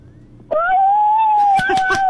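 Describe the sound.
A child's voice imitates a wolf howl: one sustained, steady, fairly loud 'ooo' lasting about a second, followed by a few brief voice sounds as it trails off.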